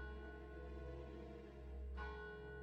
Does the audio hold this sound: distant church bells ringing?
yes